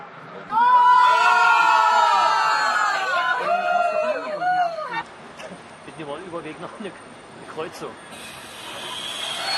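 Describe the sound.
A large group of football fans watching a World Cup match live on a train arriving in Östersund, Sweden, bursts into loud, sustained cheering and shouting for several seconds, then it dies down into quieter overlapping chatter and scattered voices.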